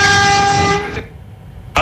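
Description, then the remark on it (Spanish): A city bus horn from Madrid's municipal transport company, sounded by its driver, blares loudly for about a second in one steady, sustained honk, then cuts off, leaving faint background rumble before a short burst at the end. “Y ahora una dedicatoria de bocina, mira.”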